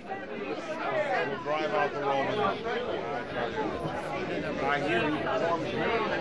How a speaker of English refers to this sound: Here comes the crowd now. If you listen, you can hear them. They are just entering this street now.